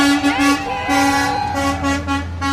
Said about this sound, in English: For the last week, dozens of people here have been gathering every evening on the west edge of town when a long line of fire trucks roll out of the Abajo Mountains.